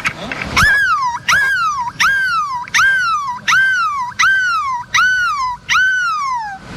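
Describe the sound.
A voice imitates a seagull in the middle of Place de la République in Lille, giving about eight loud, evenly spaced cries, each rising sharply and then sliding down in pitch, with a short burst of noise at the start.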